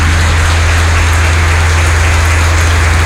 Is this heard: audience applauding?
yes